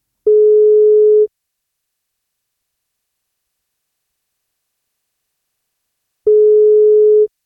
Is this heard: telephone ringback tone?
yes